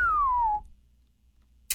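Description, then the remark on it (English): A single human whistle, made by a person in place of a whistle sound effect, glides smoothly downward in pitch for about half a second, clear, followed by quiet and then a brief noisy burst. “I considered using a whistle sound effect there, but we couldn't afford it, so that was actually me.”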